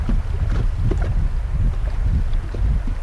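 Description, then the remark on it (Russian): A wooden Góral highland raft, steered by a raft captain, drifts on the Dunajec River: a steady low rumble of water and wind, with scattered soft knocks and splashes throughout and no voices. “Приглашаем вас, друзья, отправиться в путешествие по Дунайцу на одном из таких плотов в сопровождении опытного капитана плотогона”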